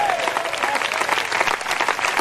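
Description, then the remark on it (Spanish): A crowd claps together for the Lord during a sermon, in steady, dense applause that fills the whole moment, loud, with a faint voice briefly rising behind the clapping at the start. “Denle un fuerte aplauso al Señor en esta hora.”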